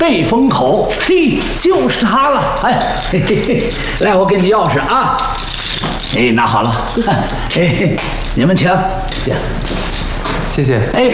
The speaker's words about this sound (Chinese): 来，我给你钥匙啊。哎，拿好了。